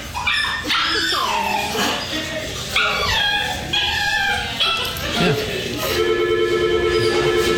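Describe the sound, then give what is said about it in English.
An elderly dog, held like a baby by a man paying his bill, whines and yips over and over, high-pitched, its cries rising and falling in quick bursts, with a steady electronic ringing tone coming in near the end. “No, he was just whining and whining.”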